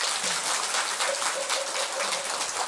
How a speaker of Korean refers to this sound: 우리 큰 스님께 박수.